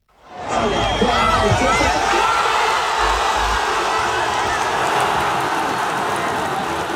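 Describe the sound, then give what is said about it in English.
A large crowd of thousands in Gaza, gathered among ruins to watch a football match on giant outdoor TV screens, erupts into loud, sustained cheering and shouting, a dense roar of many voices that swells quickly and holds steady for several seconds. “perhaps nowhere more so at the moment than in Gaza, where thousands and thousands of people have crowded among the ruins of Gaza City, Deir al-Balah, and in Al-Mawasi in the south to watch key games on hastily erected giant outdoor TV screens.”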